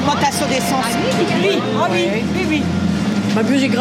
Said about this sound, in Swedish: Ett livligt samtal startar här vid busshållplatsen intill Dunkerques centralstation.